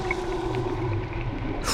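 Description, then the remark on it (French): Dolphin vocalization underwater as the dolphin dives and descends toward the bottom: a steady, drawn-out tonal call hums over a dense, murky underwater rumble, ending in a short bright hiss. No voices. “Le dauphin vient de plonger et descend vers le fond.”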